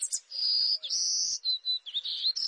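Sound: golden-cheeked warbler buzzy song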